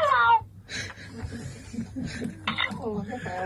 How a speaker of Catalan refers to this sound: Mira, voleu sentir el lloro?